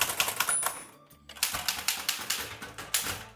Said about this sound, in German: Heute ist nämlich der Tag der Schreibmaschine und es gibt immer noch Menschen, die täglich auf der Schreibmaschine schreiben.